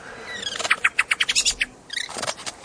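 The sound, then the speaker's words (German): A bird calls in a quick series of bright, rhythmic chirps, then pauses briefly before a second, more buzzy burst of notes; clear, with no voices. “Also wenn das kein Radiokünstler-Vogel ist.”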